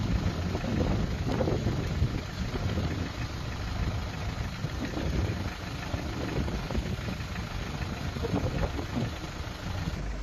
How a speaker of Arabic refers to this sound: ما شاء الله، اليوم 25/5/2026، نهر الفرات، محافظة الرقة.